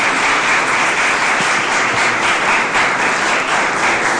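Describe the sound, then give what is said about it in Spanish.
A crowd applauds steadily for about four seconds, dense overlapping hand claps forming a loud, even wash of sound with no one speaking; the applause is offered to the Lord. “Den un aplauso, otro aplauso a nuestro Señor.”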